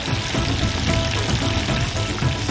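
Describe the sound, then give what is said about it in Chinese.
Loud, steady sizzling of duck pieces being stir-fried in a wok, a dense hiss with faint scraping and tossing underneath, continuous throughout with no voices. “入鸭块，翻炒均匀。”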